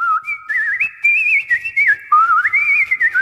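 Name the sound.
nightingale singing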